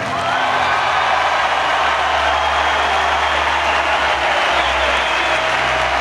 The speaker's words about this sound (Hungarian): John Lyle Sylvesternek szólt a taps, az olimpiai bajnoknak, akinek ebben a pillanatban akasztják a nyakába az aranyérmet.